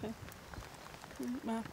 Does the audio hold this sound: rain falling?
yes